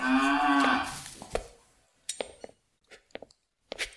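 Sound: cattle mooing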